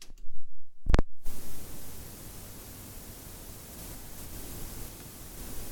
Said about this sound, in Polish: już nawet jak tak zrobiłem to nawet magnetofon sam wzmacniacz jeszcze przed włączeniem jakiejkolwiek kasety generuje taki szum. Dlatego właśnie był na początku audycji.